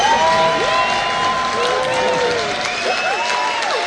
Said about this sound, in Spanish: A ver, vamos a ver qué dice el aplausómetro para tu anécdota, que la verdad está muy, muy buena, pero vamos a ver qué dice el jurado.